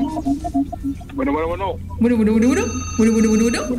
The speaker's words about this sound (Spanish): Acá está repiqueteando el teléfono.